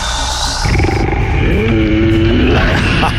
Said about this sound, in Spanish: El rugido.